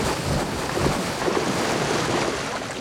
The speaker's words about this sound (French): On est au bord de l'océan Pacifique, l'eau est claire et plutôt chaude. Une bestiole qui provoque d'aussi gros déplacements d'eau, ça doit être une baleine ou un cachalot.